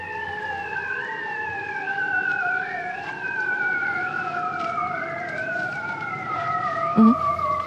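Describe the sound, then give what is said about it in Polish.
Bearded seals calling underwater, long wavering trills that slowly slide down in pitch, several voices overlapping in a steady eerie chorus, with a brief low thump near the end; recorded by French sound artist Mathias Arignon. “To nie była foka, o której mówił nasz słuchacz, to była foka brodata, a raczej foki brodate.”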